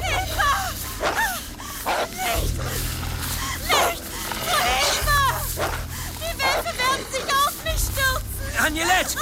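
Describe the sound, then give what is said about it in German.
A pack of wolves, seemingly encircling someone, barking and yelping in an excited, overlapping chorus of sharp, high-pitched cries that continues without pause, with a steady low rumble underneath. “Meine Wölfe schienen jemanden eingekreist zu haben.”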